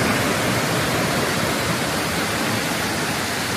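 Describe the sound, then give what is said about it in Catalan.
A heavy downpour with hail in the city of Tarragona in the evening, a dense, loud, unbroken roar of hissing noise that holds steady throughout, with no voices. “Aquest era el so ahir al vespre dels aiguats amb pedra que van descarregar molta força, especialment a la ciutat de Tarragona.”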